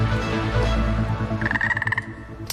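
A frog croaks in a quick, rattling burst of pulses over a low, steady rumble, clear, ending with a brief sharp sound; no one speaks.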